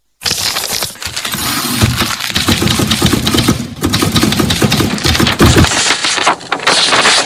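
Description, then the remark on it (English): Rapid, continuous clacking of typewriter keys as someone types song lyrics, loud, with a dense irregular rhythm of strikes running for several seconds and brief pauses between bursts; no voices. “Basi siku hiyo, mzee karudi, akaja moja kwa moja kwenye typewriter, ajue nimefikia hatua gani.”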